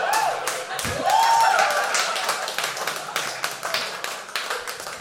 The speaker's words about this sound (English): That honestly might be the first applause break I've gotten for dry pussy, but I'll take it. I'll take it. I will take it.